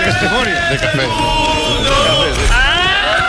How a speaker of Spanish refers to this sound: Ese grito final es un, no llega a ser un irrinchi, es una cosa rara.